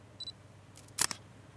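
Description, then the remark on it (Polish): A short electronic beep, then about a second later a crisp smartphone camera shutter click with a quick double snap, fairly loud against an otherwise quiet background with no talking, as a phone app takes a photo of a document. “po prostu spróbuję zrobić zdjęcie w obu programach z takim samym, no z tego samego ustawienia, że się tak wyrażę, ręki.”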